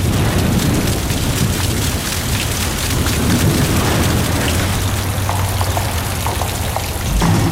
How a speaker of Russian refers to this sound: Как-то не вовремя дождь пошел.